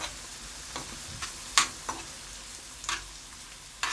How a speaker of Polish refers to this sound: Trzeba dobrze zmieszać cebulę, żeby trochę dobrze nam się usmażyło. Ale żeby nie przesadzić, to możemy też trochę zmniejszyć ogień.